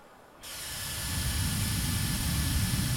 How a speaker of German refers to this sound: Ich betrete also jetzt hier die Halle 12. Da geht es jetzt hier um Beauty und Wellbeing, also um Schönsein und um gut fühlen. Gleich am ersten Stand geht es offensichtlich um Föhn.